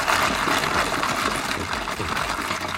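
Ice cubes in iced coffee: a steady, hissing rush of poured liquid runs throughout, with faint, irregular clicks and rattles of ice underneath. No one speaks.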